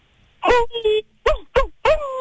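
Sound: person imitating a howl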